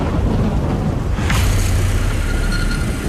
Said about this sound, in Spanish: Lo hacen bajo una poderosa tormenta.